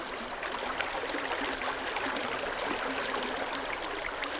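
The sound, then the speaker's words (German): A small forest brook at the source of the Vltava river, in the Bohemian Forest in Šumava National Park, babbles and trickles steadily: a soft, continuous wash of water with light bubbling detail, quiet, with no voices. “Noch ein leise plätscherndes Bächlein im Böhmerwald, dem Nationalpark Šumava.”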